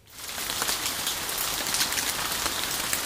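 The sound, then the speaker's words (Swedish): Steady summer rain pours down in Lovisa, Finland, a dense, continuous hiss of drops pattering on a hard surface, fading in quickly at the start and staying even throughout with no voices. “Lovisaborna fick gräva fram stövlarna i somras, då sammanlagt närmare 300 mm regn föll över stan.”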